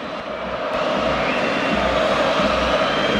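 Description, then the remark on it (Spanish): A large stadium crowd at the Pijuán roars in a sustained ovation for Modric as he comes out to warm up, a dense, steady wash of cheering and applause that holds its loudness throughout, with no one speaking over it. “Y esa ovación es para Luis de la Fuente, que aparecía en los videomarcadores.”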